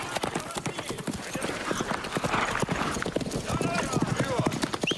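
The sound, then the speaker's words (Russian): Steady clip-clop of three horses' hooves, ridden by three riders along a foggy road at night, a brisk overlapping rhythm on a hard surface that continues throughout, with faint murmuring in the background. “Трое всадников едут по туманной ночной дороге.”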